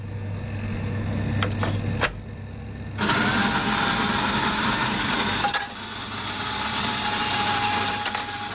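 A coffee machine at work: a few sharp clicks, then a loud, rough grinding burst, settling into a steady mechanical whir with a faint high whine. No one speaks.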